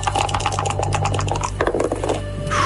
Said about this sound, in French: On va lancer les dés, quand même. Lancement de dés.